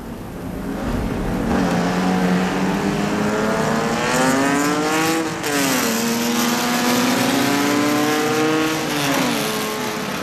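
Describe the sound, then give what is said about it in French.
A race car engine roars loudly and steadily as the last car begins its final lap of a practice session on the track, its whining pitch climbing through the gears, dipping briefly, then climbing again. “Voilà la dernière voiture qui amorce le dernier tour.”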